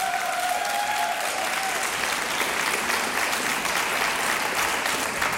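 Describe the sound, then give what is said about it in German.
Loud, sustained applause from a large audience in a hall for the choir of the Volksschule Ledenitzen primary school, a dense steady wash of clapping that holds at constant intensity throughout, with a faint tonal whistle briefly audible at the start. “Frenetischen Applaus unserer Gäste hier im Saal.”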